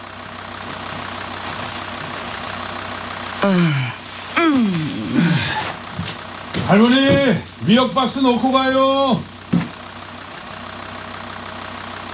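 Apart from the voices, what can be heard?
truck engine idling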